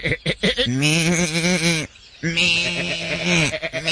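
Two long, quavering sheep bleats on a ranch, loud, with a brief pause between them and a few short bleating sounds at the start and end.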